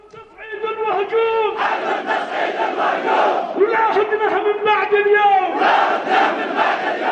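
A huge crowd at a mass rally in Yemen's public squares chants in loud, rhythmic unison, many voices rising and falling together in repeated bursts of shouted phrases that carry steadily for several seconds.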